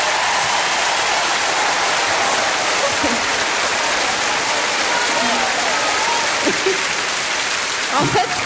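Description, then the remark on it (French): A steady wash of audience applause in a hall, dense and sustained throughout, with a few voices faintly audible beneath the clapping; the women in the audience applaud the many men present. “Mais je peux vous dire que ce soir, dans la salle, il y a beaucoup d'hommes et je voudrais que toutes les femmes les applaudissent.”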